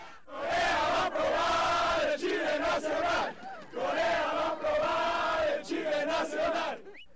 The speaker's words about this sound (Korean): 경기장을 빠져나오는 멕시코 축구 팬들이 YTN 취재진을 향해 격한 축하 인사를 건넵니다. 마치 자국 축구팀이 승리한 듯 광장을 떠나지 않고 방방 뛰며 응원 구호를 외치는 멕시코 축구 팬들.